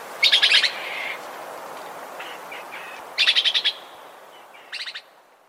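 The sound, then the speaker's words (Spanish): A red-eyed antbird, recorded in Huila, Colombia, sings alone in bursts of rapid, high-pitched trilled notes, three clear phrases spaced a few seconds apart over a soft background hiss. “El trino del hormiguero ojirrojo forma parte del Banco de Sonidos de Aves Colombianas, recopilado por el Instituto von Humboldt y la Universidad de Cornell.”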